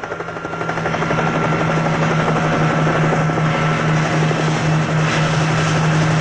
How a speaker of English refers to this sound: the helicopter is called in because we're going to search San Francisco Bay to see if Morris and his two accomplices made it or not.